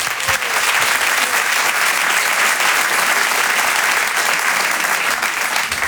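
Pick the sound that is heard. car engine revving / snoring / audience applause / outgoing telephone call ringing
audience applause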